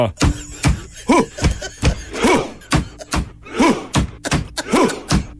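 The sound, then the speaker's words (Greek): Steady, heavy drum-like thumps beat out a Viking-style rhythm imitating rowing, while a loud, gruff shout rises and falls roughly every second beat group, four chant-like cries in all; the chant is performed in a stadium. “Χτυπάνε με ένα τύμπανο, παπ-παπ. Κάνουν ουφ, τι κάνουν όλοι. Ουφ, βγάζουν και κραυγές.”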